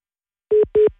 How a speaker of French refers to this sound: Non, elle nous a mis en attente.